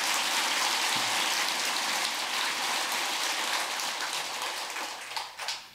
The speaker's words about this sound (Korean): 근데 내한테 박수가 좀 적다.